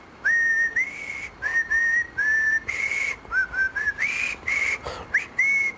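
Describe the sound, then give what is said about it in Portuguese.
Someone whistles the jingle of the radio show Portugalex, a short, bright melody of clear sustained notes rising and falling in quick phrases, with no talking. “É o jingle do Portugalex.”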